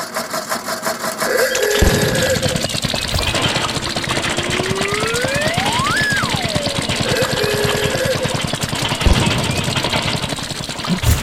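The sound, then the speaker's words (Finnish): An old Opel Mokka car engine runs steadily with a dense, rough mechanical rumble and rapid ticking pulses, with a rising and falling whine sweeping through the middle; no one speaks. “Niin kuin kuulet, Tuukka, niin vanhakoppainen Opel-mokka kyseessä.”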